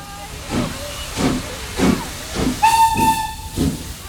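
A steam train chugs in steady, rhythmic hissing puffs, about seven of them, and partway through a shrill steam whistle sounds for under a second over the chugging.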